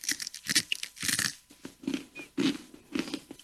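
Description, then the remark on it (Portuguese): Crisp crunching as someone chews a crunchy, spicy snack from Niger, sold in small bags with lots of pepper, with repeated bites and munches in an uneven rhythm and no talking. “Crocante, né? É crunch, é.”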